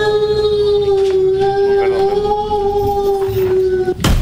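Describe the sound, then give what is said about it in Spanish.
A single long wolf howl holds a steady, slightly wavering pitch for about four seconds, loud, then cuts off with a brief burst of noise. “Me emocioné mientras aullaba el lobo, me dio miedo.”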